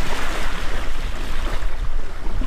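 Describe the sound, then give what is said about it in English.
Steady rush of surf and wind noise buffeting the microphone, with a tour boat's hull churning through water as it lands on the shore of the refuge's coastal plain, a polar bear area; loud and continuous with no voices. “tells us to hop out while he secures the boat”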